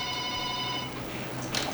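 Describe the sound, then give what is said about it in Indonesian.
A telephone line rings with a steady electronic tone for most of a second during a call-in, then cuts off as the phone connection drops, leaving low line hiss and a brief burst of noise. No one speaks. “Oke, ini berdaring kembali.”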